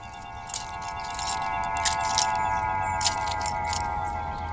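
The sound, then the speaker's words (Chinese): Car keys jangle in a few bright metallic bursts over a steady engine-like hum as the car's engine is switched off and the key taken. Moderately loud, with no one speaking. “熄火，车钥匙。”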